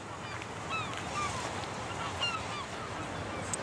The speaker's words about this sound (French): La cérémonie de bienvenue quotidienne. Des mouettes tournoyant jusqu'à ce qu'elles aient leur part de la pêche.